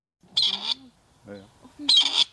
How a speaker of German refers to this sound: Dann könnte der Ruf des Rebhuhns künftig auch an mehr Orten in Deutschland wieder regelmäßiger zu hören sein.